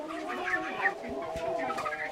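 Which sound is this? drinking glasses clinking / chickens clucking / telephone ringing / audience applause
chickens clucking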